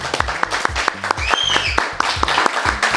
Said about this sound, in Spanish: Es sábado desde este paraíso. Desde el inicio de las rutas W. Desde... nuestra casa, el Life Aqua, San Miguel de Allende. Aplausos, por favor.